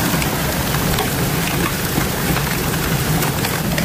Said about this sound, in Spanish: Acantalear, caer, bueno, granizo como cantos, como piedras. Vamos a escuchar ese sonido de los granizos acantaleando.